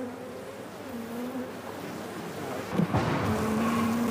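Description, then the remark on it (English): A dense, continuous drone of many honeybees buzzing around hive combs as someone searches the combs for young bees to take to a laboratory for research, with individual wingbeat tones rising and falling over the hum and a brief rustling bump near the end; no one speaks. “is searching for honeycombs containing young bees, which she will then bring into the laboratory for research.”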